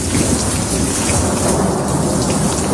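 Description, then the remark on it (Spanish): Heavy rain pours steadily and loudly, with a deep rumble of thunder rolling underneath throughout a short, dense summer afternoon thunderstorm in Madrid; no voices are heard. “Son las típicas tormentas de verano como la que nos sorprendió ayer por la tarde.”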